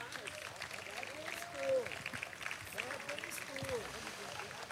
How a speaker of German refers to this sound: Ein Riesenapplaus für diese großartige Leistung.